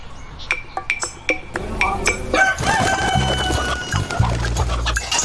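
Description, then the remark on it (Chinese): A rooster crows with a long, drawn-out call while free-range chickens raised on pomegranate peels cluck around it in a pomegranate orchard below Longji Mountain in Huaibei, Anhui, China. A few sharp clinking taps come first, and the busy farmyard sounds stay steady. “安徽淮北龙脊山下，在明清石榴园里，有一群身形矫健的走地鸡，从小便吃石榴皮子长大，做出来的地锅鸡肉质紧实不柴，在当地有个响亮的名号，石榴地锅鸡。”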